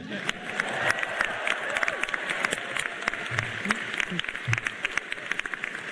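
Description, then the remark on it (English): A large crowd at a Stanford University welcome ceremony for incoming first-year and transfer students bursts into sustained applause, dense clapping filling the space with scattered cheers and shouts rising above it, loud and continuous throughout. “You're now in. You should cheer.”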